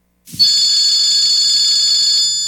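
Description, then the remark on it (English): A telephone rings loudly and steadily, one unbroken bright, metallic ring that starts abruptly and keeps going without pause. No one speaks. “Yeah, Stanwood, answer the phone.”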